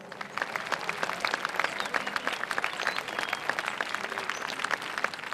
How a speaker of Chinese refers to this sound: 今天是2011年10月20日，中国散列中子源在东莞大朗镇举行工程奠基典礼。中国散列中子源是我国目前单项最大的科学装置，是国之重器。下面让我们掌声有请工程总指挥